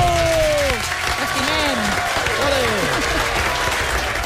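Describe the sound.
A studio audience claps steadily for a few seconds to welcome a guest, the dense clatter of many hands, with a few cheering and whooping voices rising over it near the start.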